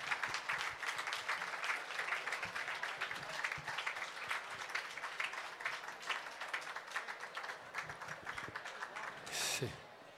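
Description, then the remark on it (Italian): Steady applause from a crowd for the first employees of the Peschiera, dense overlapping claps sustained for several seconds at moderate loudness, with a brief louder burst near the end. “Vorrei fare un applauso, guardate che carini.”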